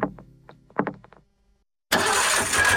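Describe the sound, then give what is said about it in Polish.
A car engine cranks with a few uneven, sputtering pulses, goes briefly quiet, then roars to life in a loud, steady running rumble. “Silnik mówi, coś mi nie pasuje.”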